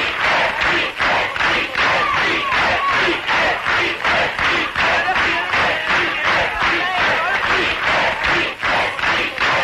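A large crowd chants loudly in a steady, rhythmic pulse, the same short word repeated over and over for the whole stretch, voices blending into a dense roar with faint thumps beneath.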